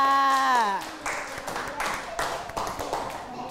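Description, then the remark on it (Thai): A brief spoken phrase with falling pitch gives way to children clapping their hands for themselves, a dense, uneven patter of many claps that keeps going for a few seconds at moderate loudness. “ปรบมือให้กับตัวเองค่ะ”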